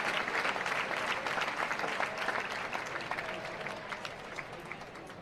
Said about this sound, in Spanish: Pues una ovación cerrada para Morante de la Puebla.